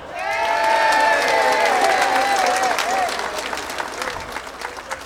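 A crowd bursts into loud, sustained applause for a polka band member being introduced, with cheering and whistles rising over the clapping, then the ovation gradually thins and fades toward the end.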